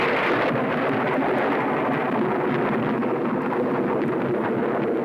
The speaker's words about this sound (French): Ouais, c'est au tonnerre que je pensais, t'as gagné.